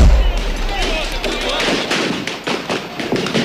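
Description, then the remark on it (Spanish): Rubber bullet gunshots from police firing at protesters crack out in a rapid, irregular series of sharp bangs amid a noisy street clash, with crowd voices and commotion running underneath throughout. “¡Disparos! ¡De balas de goma!”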